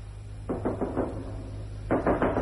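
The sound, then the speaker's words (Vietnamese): Rapid knocking on a door in two bursts, a quick run of four raps followed by a pause and then three more, firm against a low steady hum, as someone demands the door be opened to check household papers. “Mở cửa, xét giấy gia đình, mở cửa.”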